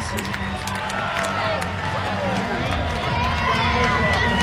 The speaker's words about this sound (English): Crowd of 6,200 plus going bananas as Amaya has just tied the game at 5.